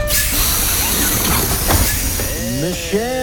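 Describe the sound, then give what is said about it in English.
A bus door opens with a steady pneumatic hiss over a low engine rumble, with a brief louder burst midway and muffled voices coming in near the end. “All right, opening up the door now.”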